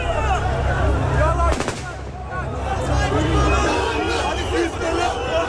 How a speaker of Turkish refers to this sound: Anons çekmeye çalıştığım zaman makineli tüfek seslerini duydum. G3 piyade tüfeğinden çıkan sesti.